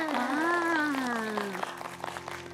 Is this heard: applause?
yes